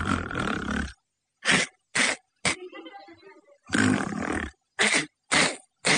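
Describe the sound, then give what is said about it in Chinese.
A voice imitates loud snoring: a long rumbling snore followed by three short, sharp snorts, with a breathy whistle between, and the pattern repeats twice. It imitates the 'one hum, three K' snore of the story character Tang Tieniu, asleep on his bed in an inn room. “唐爷这呼噜打的跟别人还不一样，一哼三 K 的呼噜。”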